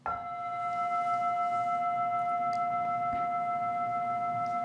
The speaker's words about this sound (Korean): 이게 먼저 있잖아요. 근데 이걸 가지고 제가 이거라고 왜 이거라고 하겠어요? 이 종소리가 먼저 있죠 하면은 바로 종소리라는 말에 또 떨어지잖아요. 이 소리가 종소리 이렇게 언어로, 개념으로, 이름으로 와서 닿잖아요.